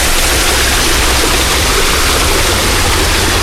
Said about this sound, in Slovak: Samozrejme, že v letných mesiacoch fontána naplno pracuje a chrlí vodu.